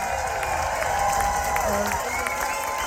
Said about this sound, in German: Riesen Applaus!